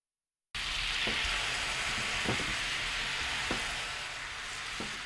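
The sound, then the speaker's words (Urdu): A sauce of soy sauce, sugar and water simmers and thickens in a frying pan over medium heat with a steady, hissing sizzle, broken by a few soft popping bubbles at irregular intervals. No one speaks. “اب frying pan کو درمیانی آنچ پر رکھ کر سوس کو گاڑھا کر لیجیے.”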